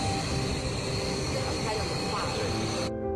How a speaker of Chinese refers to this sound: 这是我们平常常见的一个冰块，我们用1300度的喷枪去喷射它。